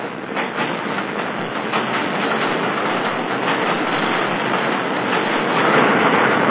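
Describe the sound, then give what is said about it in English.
A subway train approaching with a steady, dense rumbling roar that grows slightly louder over several seconds, with faint rhythmic clatter from the rails and no voices. “Here comes the subway. Here comes the subway. I can hear it.”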